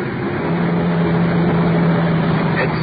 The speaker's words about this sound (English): It's the liquor store on the corner. We're wheeling into the curb.